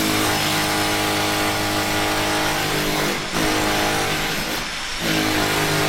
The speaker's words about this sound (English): He's on the drill.